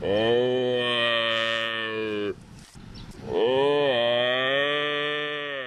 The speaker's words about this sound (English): Yeah, sounds like a bit of a hyped-up cow, doesn't it? It's actually a buffalo.